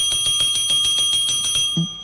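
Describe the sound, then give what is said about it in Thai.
A small bell, pressed to call guests on the Thai radio show Variety on Radio, rings rapidly and repeatedly in a bright, steady jingling roll for about two seconds, fairly loud, then stops abruptly with a soft thump. “เดี๋ยวกดกระดิ่งเรียกแขกก่อน”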